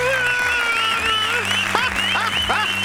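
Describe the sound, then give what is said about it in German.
Applause with cheering: a steady hiss of clapping runs throughout beneath rising and falling whoops and whistle-like calls, with a low droning tone underneath. “Applaus, Applaus!”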